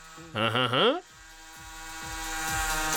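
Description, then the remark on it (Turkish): A cordless 12-volt multi-purpose tool fitted with a sanding attachment whirs up with a brief rising whine, then settles into a steady, gritty buzzing drone with a faint pulsing rhythm that slowly grows louder. “Mesela zımpara başlığını takıyorsunuz ve...”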